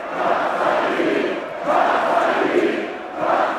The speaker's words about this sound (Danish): Ja, kom så, de vige, blev råbt, sunget og grædt i går, da byens danske fodboldmestre blev fejret. Her var det nemlig officielt AGF's tur til at løfte mesterskabspokalen for første gang i 40 år faktisk